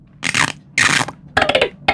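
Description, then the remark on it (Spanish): A dolphin's sound as it surfaces: four loud, raspy bursts with squeaky, whistle-like tones running through them, separated by brief pauses, the last one cut short. “Uno por abajo del agua y otro que sale, emerge.”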